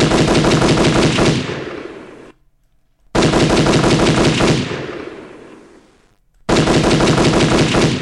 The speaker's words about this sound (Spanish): Quiere muchos balazos y yo traigo harto cartucho.